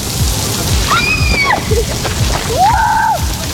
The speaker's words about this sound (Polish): W Radomiu ustawiono kurtyny wodne, dające choć chwilę wytchnienia.